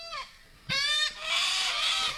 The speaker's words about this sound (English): You know what animal isn't tidy, Roscoe? Cockatoos.